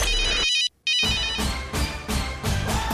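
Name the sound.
cell phone ringtone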